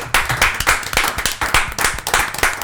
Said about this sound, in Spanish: Un aplauso.